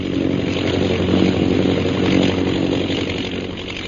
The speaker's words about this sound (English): Meanwhile, in the plane overhead, Captain Carstairs directs his pilot, Lieutenant Rogers, to fly back toward the scene of the bombing.